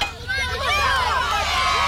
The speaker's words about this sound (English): The crowd went wild.